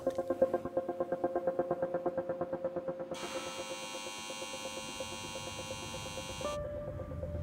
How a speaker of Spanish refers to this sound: Aquí en la discreta región subalpina, un grupo de habilidosos suizos han construido una gigantesca aspiradora de CO2. Utiliza la energía de una planta incineradora de residuos para propulsar turbinas que filtran el CO2 del aire.